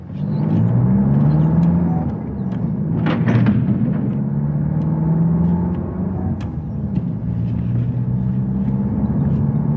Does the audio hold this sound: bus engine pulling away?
yes